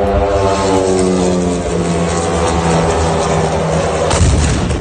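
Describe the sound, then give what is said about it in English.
A loud, steady buzzing propeller engine drones with a strong harmonic whine for about four seconds as a Ukrainian attack drone flies toward a high-rise building in a Moscow suburb, Russia, then an abrupt noisy blast breaks in near the end. No one speaks. “Officials say Ukraine fired more than 1,000 drones at Russia overnight, with hundreds launched toward Moscow, including this one.”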